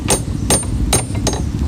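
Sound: knocking on a door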